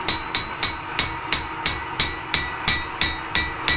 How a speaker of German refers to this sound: Wir waren am Wochenende in einer kleinen Schmiede. Danach klingt das. In Hammerbrücke.